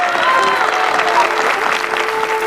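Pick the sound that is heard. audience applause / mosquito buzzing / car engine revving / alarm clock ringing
audience applause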